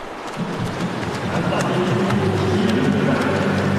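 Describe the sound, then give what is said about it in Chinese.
Swimmers racing through a pool in a university men's 50 m backstroke final, a dense, continuous churn of splashing and slapping water that holds steady throughout, with a murmur of voices rising underneath. “我们可以听到现场的这个通气声啊，运动员啊滑笔打水的声音噼啪啦的，可讲竞争程度是相当的激烈。”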